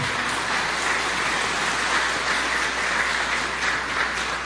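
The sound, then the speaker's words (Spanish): Steady applause from a crowd at a Mass at Santo Cerro, given for the bishop celebrating his first Mass there. A dense, even wash of clapping holds at a constant loud level for several seconds with no voices over it. “Vamos a darle un fuerte aplauso al señor obispo.”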